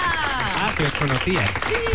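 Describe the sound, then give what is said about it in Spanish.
A studio audience applauds steadily for two seconds as TV presenter Maya Pinsky is introduced, a dense, even wash of clapping with voices calling and talking over it throughout. “¡Un aplauso!”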